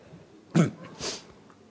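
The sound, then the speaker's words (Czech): A short, breathy nasal blast is followed half a second later by a longer, hissing blow as someone blows their nose, with no talking. “Smrkneme, takže”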